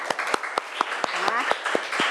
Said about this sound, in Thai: โอเคค่ะปรบมือเพื่อนหน่อยค่ะ